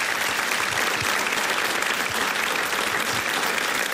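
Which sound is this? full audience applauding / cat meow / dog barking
full audience applauding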